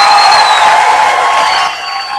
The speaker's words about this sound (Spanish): Fuerte el aplauso para Jorge, que es el primer ganador, y vamos con el segundo.